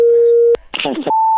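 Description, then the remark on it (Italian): A bad telephone line: a steady, mid-pitched line tone hums, breaks off with a click, a brief garbled voice cuts in, and then a higher-pitched steady tone takes over, loud and unwavering. “C'è il telefono che fa schifo, fa.”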